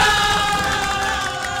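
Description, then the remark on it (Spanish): A crowd cheers and claps loudly and steadily for the shop Comercial Isabel, a dense wash of applause with shouting voices mixed in, sustained throughout the brief moment. “A ver, un aplausito también para Comercial Isabel.”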